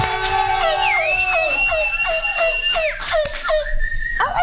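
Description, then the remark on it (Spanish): A crowd of voices howls like wolves, with long sliding high-pitched whoops layered over one another, loud, amid scattered shouts and excited cheering. “Ay, ese es como un sonido de lobo, ¿qué?”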